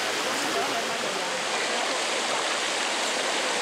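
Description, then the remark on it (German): Steady rushing of water pouring continuously into a pool of the natural hot springs at Bagni San Filippo, an old natural thermal spa, a dense unbroken hiss and splash that holds even throughout with no distinct pauses. “Und das Wasser hier wird dann gespeist.”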